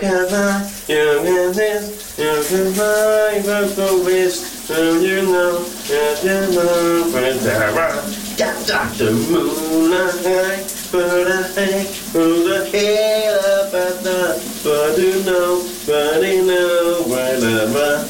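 A man sings a melody over the steady hiss of a running shower, the water spraying continuously throughout his voice; a morning shower-singing segment from a bathroom studio on VLR radio.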